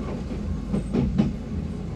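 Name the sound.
train rolling on rails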